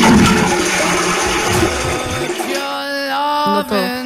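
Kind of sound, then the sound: household object, toilet flushing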